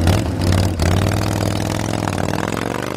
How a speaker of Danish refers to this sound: For lige nu er motorcykler i tusindvis på vej til Harley-Davidson-træf i byen. Her kl. 12, der åbner vi for Europas største Harley-Davidson-træf, kaldet Superrally, og det vil sige, at vi får gæster fra hele Europa.